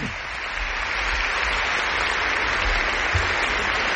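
A crowd applauds the volunteers of the archdiocese steadily, a dense, continuous wash of many hands clapping at an even loudness for the whole stretch, with no voices standing out.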